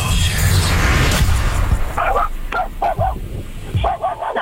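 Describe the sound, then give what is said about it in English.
A dog barks in a quick run of sharp, yappy barks, heard over a phone line during a call to the Sunday night slow jams show, following a couple of seconds of rough, noisy rustling at the start. “I have to know, are you calling me or did the dog dial me?”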